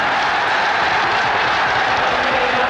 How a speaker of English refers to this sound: Although football crowds are sometimes dismissed as a mass of noise, there's something precious about paying them serious attention. Just take a listen to this, a 1964 Panorama episode from Liverpool's Anfield Stadium.